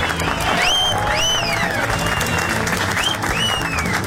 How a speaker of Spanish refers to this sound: Un aplauso a la selección, oigan.